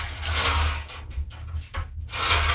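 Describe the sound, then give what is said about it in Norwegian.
A bingo ball drum is spun to draw a number in a call-in bingo game, its balls rattling and clattering over a low rumble, easing briefly in the middle before the loud churning picks up again. No one speaks. “Da snurrer vi kule.”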